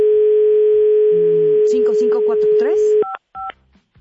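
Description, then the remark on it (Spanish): A steady telephone dial tone hums, then a quick run of touch-tone keypad beeps as a number is dialed, with a faint voice murmuring underneath and two short tone bursts at the end. “Marcamos, Marito, ¿me haces el favor?”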